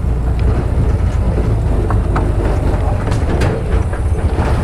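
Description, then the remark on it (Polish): A three-wheeled motorcycle, driven by a young man, rides along a bumpy, wide path through a forest: a loud, steady engine rumble with occasional rattles and clatters over the drone and no one speaking. “Jedziemy tym trójkołowym motocyklem, ale drodzy radiosłuchacze, nie jest to droga, ale po prostu szersza ścieżka przez las.”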